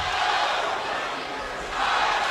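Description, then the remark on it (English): A large baseball stadium crowd in Ohio roars steadily and loudly, a dense wash of cheering voices that dips slightly mid-way before swelling again. “And gets an RBI, and there's that Ohio crowd. I can hear it now, see? They're a little bit more vociferous.”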